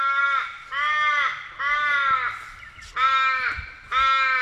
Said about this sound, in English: Now, if you're tuning in the other day, you would have caught the news that the Australian Raven, most of you call it the Crow, was the most counted bird in the Aussie bird count in West Australia. So the Raven is our focus.